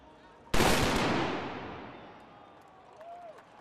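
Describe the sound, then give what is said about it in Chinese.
A single loud boom of black powder gunfire bursts out suddenly as men in traditional Bavarian dress fire a salute before the Bavaria statue at the closing ceremony of the 191st Munich Oktoberfest, then rolls and fades slowly over a couple of seconds, with faint crowd murmur and background noise around it. “闭幕仪式现场，约60名身穿巴伐利亚传统服饰的男女站在巴伐利亚雕像的台阶上，两旁有人手持旗帜，身着传统装束的男子接连鸣响黑火药枪，以隆重的仪式宣告本届盛会结束。”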